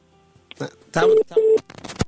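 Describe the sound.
Two short, steady mid-pitched beeps of a dropped-call phone tone as a phone call is cut off, evenly spaced, sounding over and between bursts of people talking.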